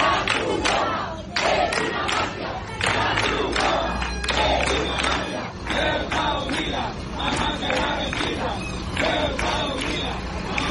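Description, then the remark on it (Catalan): A crowd of protesters, some blocking Red Cross trucks, chants slogans such as "the Red Cross is a mafia" and "Ceuta united will never be defeated" in loud, rhythmic unison, voices rising and falling in repeated phrases over a steady background of shouting and noise. “alguns d'aquests manifestants van arribar a bloquejar el pas dels camions de la Creu Roja que reparteix ajuda i menjar als migrants amb el crit, ara el sentireu, la Creu Roja és una màfia.”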